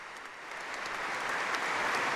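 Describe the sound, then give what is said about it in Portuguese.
Enthusiastic applause from a crowd, a dense steady wash of many hands clapping that swells slightly louder over its couple of seconds, with no voices, following the Prior General of the Augustinians' words of welcome to Pope Leo. “Efusivos aplausos também após as palavras de boas-vindas do Prior-Geral, que neste momento vai até o Santo Padre, se cumprimentam com o Prior-Geral dos Agostinianos, Padre Joseph Farrell.”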